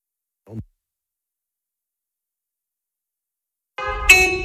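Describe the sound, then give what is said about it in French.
A brief low sound sweeps downward, then after a long silence a loud, brassy car horn blares, jumping to a second, higher-pitched horn tone before the end; part of a medley of car horns, starting with an Italian horn, then a Combi van horn. “C'est un florilège de klaxons. Alors on a commencé par le klaxon italien, ensuite le klaxon de combi.”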